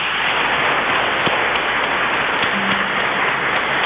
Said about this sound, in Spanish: Pero además, hoy nuestro país celebra un acontecimiento muy especial, el Día de las Madres. Démonos un fuerte aplauso.